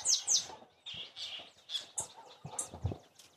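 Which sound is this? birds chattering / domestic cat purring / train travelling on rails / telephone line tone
birds chattering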